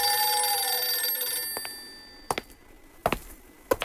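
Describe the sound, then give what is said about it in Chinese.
A telephone bell rings with a bright, sustained metallic tone that fades after about a second and a half, followed by a few sharp, scattered clicks like a handset being handled, as Chiang Kai-shek picks up the phone to call Xu Yongchang of the Military Command Department. “窗外此时月色朦胧，蒋介石在办公室里沉思良久，拿起电话把军令部徐永昌叫了来。”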